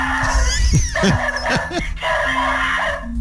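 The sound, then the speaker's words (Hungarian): An electronic wolf deterrent device barks several times in quick, uneven succession, the synthetic barks sounding over a steady humming tone that runs throughout. “Néha ugat is?”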